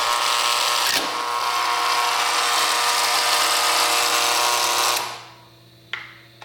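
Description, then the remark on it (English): A loud, harsh electric buzzer drones steadily for about five seconds, then cuts off, followed by a brief faint click. No one speaks. “If you want, but I'm not pressing the buzzer.”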